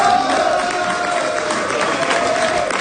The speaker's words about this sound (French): C'est sous les acclamations de ses partisans que Diane Dallaire a célébré sa victoire.